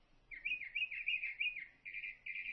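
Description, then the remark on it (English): A songbird sings a run of clear, high whistled phrases, several quick rising-and-falling notes followed by longer steady tones, moderately loud with no talking. “I love this one because he's just got so many different songs, and there's this really kind of lonely, cool quality about his call that it lulls me to sleep.”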